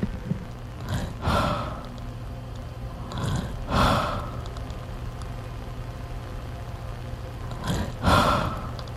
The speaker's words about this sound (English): I'm just sitting down next to you with my microphone. I'm just going to record your breathing.